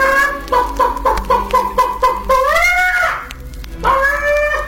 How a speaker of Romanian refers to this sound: Găina sare peste poartă, trece iute pe lângă babă, se pune pe cuibar și după vreun ceas de ședere sare de pe cuibar cotcodăcind.